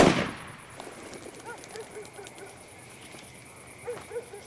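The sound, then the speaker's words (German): A single loud shotgun blast right at the start, its echo fading quickly into a quiet outdoor background with a few faint calls. “Die Alte, feuer doch schon mal die Flinte ab.”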